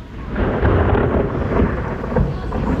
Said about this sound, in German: Es hat nämlich angefangen zu gewittern, bei euch ja vielleicht auch.